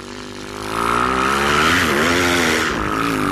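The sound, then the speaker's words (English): A bird's bent outer tail feathers hum loudly as it dives at 25 to 50 miles per hour. The sound is a continuous buzzy, engine-like drone that swells in the first second and wavers in pitch, rising higher as speed builds, with no voices over it. “Whoa, as you build up speed, your humming sound became higher in pitch.”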